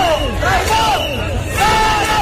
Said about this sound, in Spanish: Con gritos de dimisión del delegado del gobierno, al que acusan de traidor.